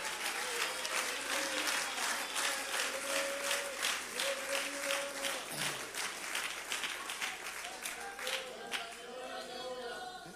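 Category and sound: crowd, audience clapping in worship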